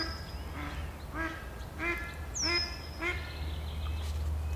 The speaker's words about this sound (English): 3:30, the mallard ducks are a trifle unsettled.